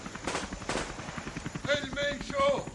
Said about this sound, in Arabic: أصيب القائد. أطلق النار.